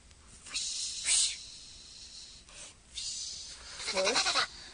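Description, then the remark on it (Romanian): Swishing, rustling bursts come down a chimney from above in several waves, growing louder toward the end, where a short squeaky whine joins the scraping; no one speaks. “Acum aud și eu fâșietul acela.”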